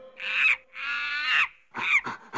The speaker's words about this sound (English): I'm over here in the left speaker with these monkeys.